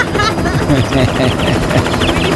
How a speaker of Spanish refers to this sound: Pero por lo pronto, mis amigos, aprovechémoslo. Aprovechemos, ¿sí o no? Aprovechemos aquí mi helicóptero.